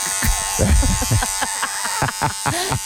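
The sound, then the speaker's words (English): Electric hair clippers buzz steadily with a bright, even hum throughout, broken by irregular thumps and scraping bumps, with faint muffled voices mixed in. “You could just hear the Clippers as you lie on your back start screaming.”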